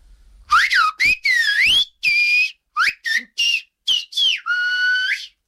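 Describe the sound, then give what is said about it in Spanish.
A person whistles a lively, warbling melody in Canarian silbo style, a series of quick bright notes with sliding pitches and short gaps, ending on a longer sustained tone. “pues bueno, ahí como por último, me puedes silbar Palo que trajiste, bastante que te lleva el silbo.”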